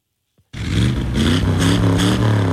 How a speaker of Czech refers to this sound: Na 250 vozů s burácejícími motory dnes ozdobilo zámecký park v Pacově. Sešli se tam majitelé a fanoušci klasických amerických automobilů a veteránů.